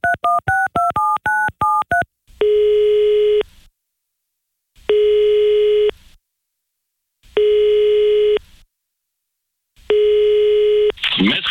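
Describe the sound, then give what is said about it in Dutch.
A quick run of telephone keypad dialing tones, then a steady line tone sounding in four long, evenly spaced bursts with silent gaps, ending in a short crackle, as a phone call is placed to a guest. “En aan de telefoon hebben we een rasartiest”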